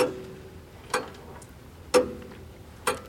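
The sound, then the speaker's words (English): A wind-up mechanical clock ticks steadily, four crisp ticks about a second apart, each with a slight metallic ring, against a quiet background with no talking. “I'm going to wind up my tick-tock clock.”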